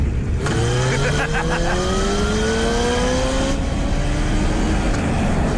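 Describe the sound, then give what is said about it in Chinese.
A motorcycle engine revs loud, its pitch climbing steadily as it accelerates for several seconds over a rough, constant rumble, as Blaze performs motorcycle stunts on a highway with Danny riding on his motorcycle. “为了逗丹尼开心，布雷斯让丹尼坐上了他的摩托车，并且在公路上上演了摩托特技表演。”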